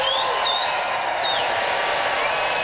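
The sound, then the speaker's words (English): An audience in Regina votes by applause for Brittany Lysing, a dense wash of clapping hands that stays loud and even throughout, with a few high whistles rising above it. “Time to vote by applause.”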